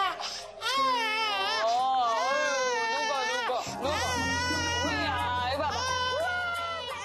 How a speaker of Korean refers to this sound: 평소 아기 울음소리에 예민한 베리가 아기에게 또다시 다가가는데요.